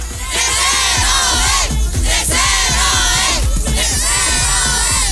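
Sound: crowd shouting a cheer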